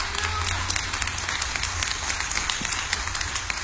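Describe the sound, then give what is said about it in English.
An audience claps hands in sustained praise to the Lord, a dense, steady wash of many overlapping claps with faint crowd murmur underneath, holding at an even loudness throughout. “Now come on, give the Lord a hand clap of praise in the house.”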